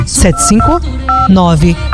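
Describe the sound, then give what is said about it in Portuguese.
A telephone rings in short electronic tone bursts that repeat several times, heard clear beneath a voice speaking over it. “Olha o telefone que toca, é o povo que liga.”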